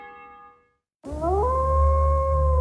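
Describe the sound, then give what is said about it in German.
A single wolf howl rises in pitch and then holds a long, steady wail over a low rumble. It follows a fading musical tone and a brief moment of silence. “Verstärke unser Wolfsrudel.”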